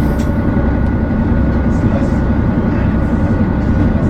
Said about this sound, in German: Ja, wunderbar. Die zweite Anlage läuft auch sehr schön. Ja, dann können wir loslegen, die Motoren schnurren und wir starten die Reise